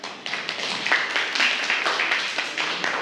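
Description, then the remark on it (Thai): A group of students claps steadily in classroom applause for a student representative, a dense, crackling patter of many hands that holds at a fairly even moderate loudness for about three seconds, with no voices over it. “ค่ะปรบมือให้กับตัวแทนด้วยค่ะ”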